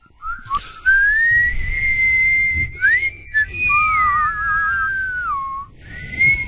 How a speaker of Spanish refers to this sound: Ahora sí que no me la chifle, por favor. Por favor, se la canto.